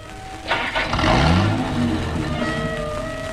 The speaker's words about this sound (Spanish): El auto reanuda la marcha.